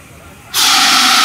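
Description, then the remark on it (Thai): At a fire-fighting training station for children during a fire drill, a fire extinguisher bursts on abruptly after a quiet moment, releasing a loud, steady hiss of spray that continues without pause. “นี่คือฐานดับเพลิงที่เราภูมิใจมากๆค่ะ”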